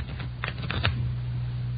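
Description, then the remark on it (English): A short riffle of playing cards being shuffled, a quick burst of crisp flutters and snaps over a steady low hum, then quiet. “Give him a good shuffle, huh?”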